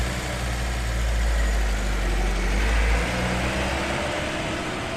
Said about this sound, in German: Dann fährt der Wagen los.